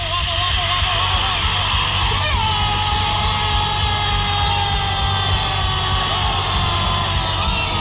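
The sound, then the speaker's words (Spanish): A huge crowd roars and cheers nonstop after a goal by Paraguay against Peru in Lima, a dense wall of shouting and yelling voices that stays loud and steady for the whole stretch. “Pero el grito de desahogo llegó en Lima.”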